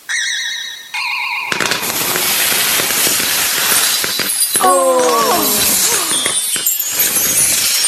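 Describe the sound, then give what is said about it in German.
A bright magical chime rises into a loud, sustained crackling burst as a pudding explodes above the top of a Christmas tree like a New Year's firework rocket, full of sparkling fizz and glassy tinkles, with whistling squeals sweeping through midway. “Über der Spitze des Weihnachtsbaums explodiert der Pudding wie eine Silvesterrakete.”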